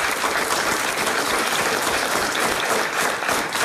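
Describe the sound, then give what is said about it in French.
Steady, dense applause from an audience, many hands clapping at once in a continuous crackling roar that holds at an even loudness throughout, with no voices over it. “Ah, il faut applaudir. Mais je comprends ça, on peut l'applaudir, ça, effectivement.”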